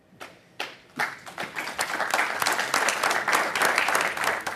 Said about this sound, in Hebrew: אז גם אנחנו מוחאים כפיים למגרילים